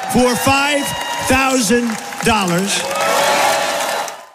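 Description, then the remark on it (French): A loud crowd at a Donald Trump event erupts with whooping shouts and cheers at his promise of a $5,000 dividend to every adult US citizen, then dissolves into a dense wash of sustained clapping and applause that fills the second half. “Forcément, la foule exulte.”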